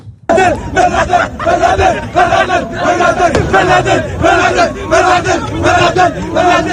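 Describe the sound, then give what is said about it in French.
A large crowd at celebrations that turned into riots shouts in loud, rhythmic bursts, chanting slogans together with cries of joy, the voices rising and falling in repeated pulses without pause. “Les célébrations qui se sont transformées en émeutes nous ont aussi permis d'entendre le meilleur des slogans et des cris de joie avec des retenues, disons, contrastées.”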